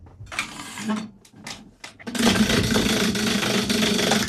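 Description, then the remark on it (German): A prize wheel on an SRF Kids show, spun very hard, runs with a loud, steady rush of rapid ticking clicks unbroken to the end, after a few short scraping bursts and a little voice at the start; it stops on cinema vouchers. “Wie fest soll ich drehen? Ganz fest.”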